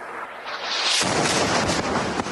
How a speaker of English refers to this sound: A news reporter from Hezbollah's Al-Manar TV is at a location in Nabatea, Lebanon, Sunday, holding a microphone when suddenly there's an explosion and the signal is lost.